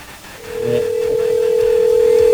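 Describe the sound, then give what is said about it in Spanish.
A steady electronic ringback tone from an outgoing call to a mobile phone starts after a brief moment and holds unbroken at an even, fairly loud level to the end, with faint background noise beneath. “3-2-1, hagamos la llamada. A ver, ahí está sonando.”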